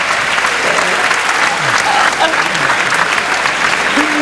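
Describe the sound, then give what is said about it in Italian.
Loud, sustained applause from an audience for the unveiling of a football team's new season jerseys, a dense wash of clapping that holds steady for several seconds, with faint voices and a few cheers mixed underneath. “Un altro applauso alle maglie della nuova stagione.”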